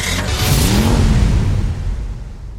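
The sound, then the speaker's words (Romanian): A car engine revs up loudly and pulls away, its rising roar sweeping past before easing off slightly at the end, in an advert for the Autodan car dealership in Zalău. “Mașinile Autodan pornește la drum cu încredere și siguranță.”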